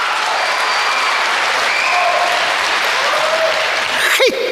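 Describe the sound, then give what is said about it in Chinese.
Steady, dense applause from an audience fills the whole stretch, a broad continuous patter of many hands clapping at even loudness, with a brief whistle-like sweep near the end. “上台了，鞠躬了，您该响起掌声了。”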